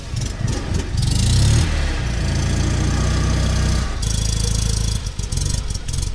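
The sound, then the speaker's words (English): An old small car engine revs and idles, its low rumble rising and falling with a few throttle bursts, with no voices over the steady mechanical drone; the car is one of around 70 such vehicles taking part in an expedition. “Organizers claim around 70 of these vehicles joined the expedition.”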